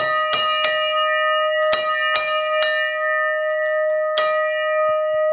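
A forged bell cast from bell bronze, not sheet metal, at Kozubová rings out in several strikes, each leaving a long, shimmering hum that sustains and overlaps the next. The strikes come unevenly and loud, with no voices.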